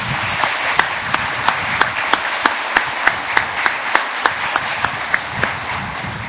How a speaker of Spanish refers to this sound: Vamos a regalarles un fuerte aplauso.